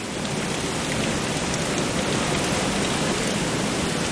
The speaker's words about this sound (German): Durchsichtige Plastikrohre führen von den Becken über die Decke auf Sortierband. Alle paar Sekunden schießt ein Wasserstrahl einen Aal durch das Rohr bis aufs Fließband.